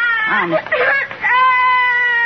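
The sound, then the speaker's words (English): A little boy cries in wavering, sobbing bursts, then lets out a long, steady high-pitched wail that holds to the end. The crying is loud and fills the whole clip. “Oh, what's the matter, little boy? I want some chewing gum. Well, but why are you crying?”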